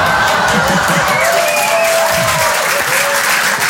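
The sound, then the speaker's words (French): A crowd claps loudly and steadily throughout, a dense wash of applause with a few whoops and cheers rising above it. There is no distinct speech. “Oui, là, j'adore, parce qu'en général, les femmes applaudissent et eux, ils disent « Mais quelle connasse !»”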